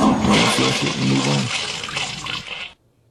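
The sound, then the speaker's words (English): A toilet flushes loudly, a rushing, gurgling swirl of water that churns for nearly three seconds before cutting off abruptly into silence. “You flush it and you move on.”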